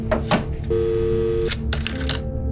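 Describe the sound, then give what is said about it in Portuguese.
A telephone at the Swiss embassy in Havana being dialed directly to a house on Rua de Moçambique in Lisbon: a few quick button clicks, then a steady electronic ringing tone on the line, followed by more clicks and a faint tone, all fairly clear. “Pega no telefone que usa na embaixada da Suíça em Havana e liga diretamente para a casa dos sogros, na rua de Moçambique, em Lisboa.”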